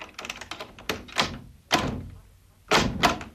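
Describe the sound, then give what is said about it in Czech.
A door is pushed shut with a few solid thuds and clunks, preceded by light rattling clicks of the handle and latch, no voices present. “Dveře. Přece je nenechám otevřené.”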